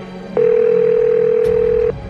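A single steady electronic telephone ring tone, like a line ringing on an outgoing call, sounds clearly for about a second and a half over faint background noise, with no talking, as a 911 operator calls a caller back.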